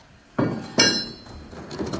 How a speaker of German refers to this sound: Die schweren Holzfenster werden geöffnet, um hier ein bisschen Luft reinzukriegen, beziehungsweise vor allem Licht reinzukriegen auch.